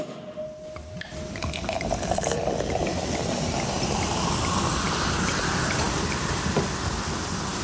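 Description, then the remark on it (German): Sparkling wine from South Africa is poured, a steady fizzing hiss of bubbles that swells after the first second and keeps crackling evenly to the end, with no voices. “Es klingt wie ein französischer Champagner, es ist aber keiner.”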